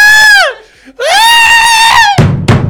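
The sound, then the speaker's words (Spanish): A person loudly imitates a scream: two long, shrill, piercing wails separated by a brief pause, ending in a couple of short breathy bursts. “¿Y el grito?”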